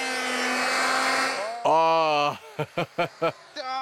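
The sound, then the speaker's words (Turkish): An electric planing machine used on a wooden game board whirs with a steady, buzzing drone for about a second and a half, then cuts off as a person speaks in short, clipped bursts. “Elin yerine elektrikli bir makine kullanabilirsin ama dikkat etmen gerek.”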